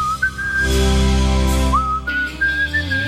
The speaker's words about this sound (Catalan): Que bé xiulo, eh?